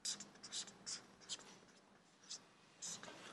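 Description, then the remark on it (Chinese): A pen scratches across paper in a series of short, quick strokes with uneven pauses between them, fairly quiet, with no talking, as the writing strokes are counted. “你算笔画几画几画是第二的”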